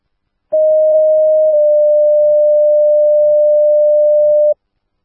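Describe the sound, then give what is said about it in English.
Dispatch alert tones calling Vista Engine 55 to a public assist for a man who fell, not injured, needing a lift: a loud, steady electronic pitch sounds for about a second, then shifts slightly to a second tone held for roughly three seconds before cutting off cleanly. No voices. “Vista 655, Smith Tones, Public Assist 184 River Trace.”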